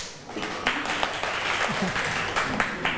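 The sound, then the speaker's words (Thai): A room full of people claps steadily for a few seconds, a dense patter of many hands with some voices mixed in beneath the applause: a classroom applauding group one for their seafood salad (yam talay), at the teacher's prompting. “ยำทะเลนะคะกลุ่มหนึ่งดีใจด้วยนะคะปรบมือเพื่อนเชิญค่ะ”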